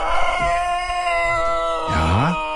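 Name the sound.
rooster crowing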